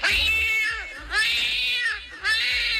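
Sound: cat meowing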